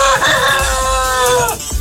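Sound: rooster crowing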